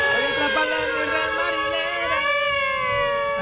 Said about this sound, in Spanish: Póngame la sirena. ¡La sirena! La sirena viene hacia mí.